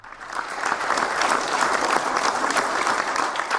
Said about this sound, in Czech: Pro diváky to bylo mimořádné setkání a ukrajinské delegaci ve vyprodaném sále tleskali dlouhé minuty.